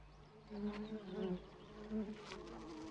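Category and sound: insect, bee buzzing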